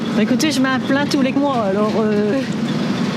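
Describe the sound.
Steady engine rumble and road noise fill the inside of a moving public bus, a continuous low drone beneath a person talking throughout, as a passenger who boarded at the town square rides home.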